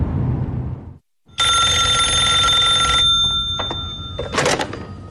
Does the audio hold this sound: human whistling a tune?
no